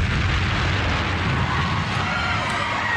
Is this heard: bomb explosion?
yes